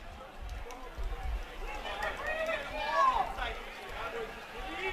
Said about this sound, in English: The Appleton East crowd does not like that flag. And the official call is going to be pass interference on the defense.